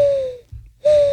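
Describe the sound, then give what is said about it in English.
A person imitates a mourning dove's call: two sustained, breathy hooting notes, fairly loud, separated by a short pause with a soft low thump. “Morning dove. Yeah, ready? Morning dove.”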